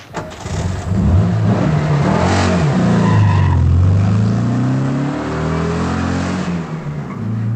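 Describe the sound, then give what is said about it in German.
A car engine runs loudly and steadily, its pitch rising and falling as the vehicle, driven by a woman, accelerates and shifts, with no voices over it. “Der Wagen meiner Schwägerin und die Zigarren meines Schwagers.”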